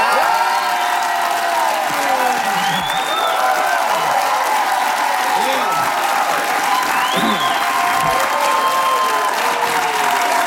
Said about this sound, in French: Vous pensiez pas vous faire applaudir comme ça, hein?